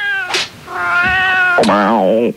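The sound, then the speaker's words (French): A cat meows loudly, a couple of drawn-out cries in quick succession, the last one wavering into a plaintive yowl before it stops. “Si t'as des chats, tu les ranges.”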